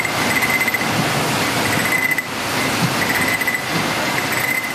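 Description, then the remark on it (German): A machine checking each jam jar for defects runs with a loud, steady mechanical rumble and clatter, overlaid by a thin high whine that drops out briefly near the middle and then returns. “Zum Schluss werden die Gläser durch eine Maschine geschleust und die kontrolliert jedes einzelne Marmeladenglas auf Fehler.”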